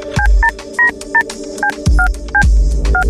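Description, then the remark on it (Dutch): A quick run of about ten telephone keypad tones, dialing a phone call to VI, each a short steady dual-pitched beep, punched in at an uneven rhythm with brief gaps, alongside some low thumps of the keys. “Wij gaan weer een belletje doen naar VI. Heb je het wachtwoord ready?”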